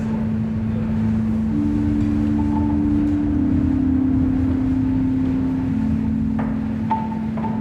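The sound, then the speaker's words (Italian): Wind moans steadily through an old building, a low sustained droning tone over a constant rushing hiss, loud, with faint creaks and clicks toward the end and no voices. “Il suo unico abitante adesso è il vento.”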